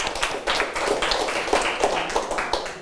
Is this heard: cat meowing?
no